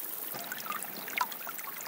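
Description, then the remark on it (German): Water from a spring trickles and bubbles steadily out of the rock at the foot of the Badberg in the Kaiserstuhl, still flowing despite a drought, a soft continuous gurgle with brief brighter splashes, with no voices. “Am Fuß des Badbergs sprudelt eine Quelle aus dem Felsen, die trotz der Dürre nicht versiegt.”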